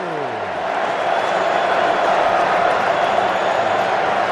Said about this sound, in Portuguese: Sinta o clima do estádio em Nova Jersey. Torcida equatoriana vai ao delírio.